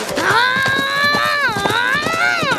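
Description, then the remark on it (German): Horse hooves clip-clop in a quick, steady rhythm, fairly loud, as a father and son ride away on their horses outside an office, beneath a prominent sustained wavering tone that bends in pitch throughout. “Beleidigt verlassen Vater und Sohn das Büro und steigen draußen auf ihre Pferde.”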